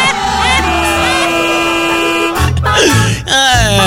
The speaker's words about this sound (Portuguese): Dá vontade de socar o dedo na buzina, assim.